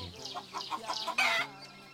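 A hen clucks in a quick, steady run of short clucks, ending in a louder, slightly drawn-out squawk. No one speaks.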